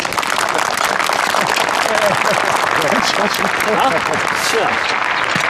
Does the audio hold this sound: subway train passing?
no